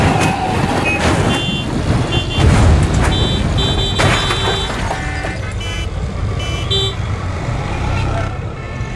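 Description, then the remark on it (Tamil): A lorry coming from ahead honks several times in short, high tones amid loud, rumbling road traffic, with faint voices in the background. “ஏ முன்னாடி லாரி வருது, லாரிய பார்த்து.”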